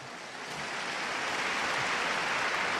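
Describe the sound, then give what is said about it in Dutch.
Sustained applause from a large crowd, a dense, steady wash of many hands clapping that swells slightly at the start and then holds at an even, fairly loud level with no voices. “Opnieuw een applaus, zoals u kan horen.”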